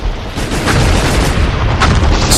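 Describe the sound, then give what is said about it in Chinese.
Dense battle noise of landmines exploding one after another in an enemy minefield amid dense gunfire as soldiers charge toward Xichan Temple: heavy, continuous rumbling blasts layered with sharp cracks of gunfire, loud, with brief bright bursts punctuating the steady roar of explosions. “在密集的弹雨中，在一颗接一颗的地雷爆炸声中，士兵们一个一个地倒下去了。”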